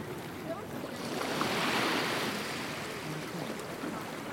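Sea waves wash in a steady, hissing roar that swells around the middle and eases off, with a low rumble of passing boats underneath and faint voices.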